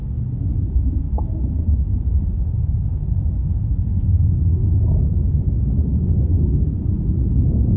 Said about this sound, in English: I want to play a sound of a storm now